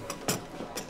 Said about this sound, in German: Die Kasse.